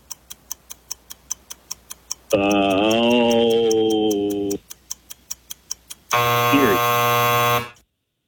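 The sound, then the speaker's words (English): A steady clock-like ticking of a trivia quiz timer is interrupted twice by long, loud, harsh buzzer blasts, each lasting a couple of seconds, with ticking resuming briefly between them. “Sounded like you said Erie right before the buzzer went off.”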